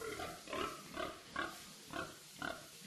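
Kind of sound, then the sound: animal, pigs grunting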